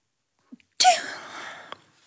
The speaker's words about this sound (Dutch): Het is ook de eerste keer dat er iemand niest tijdens de zandloper